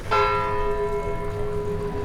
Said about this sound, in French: Oh, quelle chose magnifique que le son clair et émouvant d'une cloche qui, très haut, au-dessus de nos têtes, nous parle à tous, du sein de la nuée, comme une puissante voix venue du ciel.